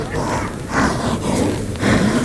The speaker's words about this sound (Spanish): Ahí oímos al toro.